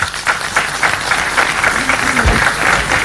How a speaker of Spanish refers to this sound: Un aplauso, por favor.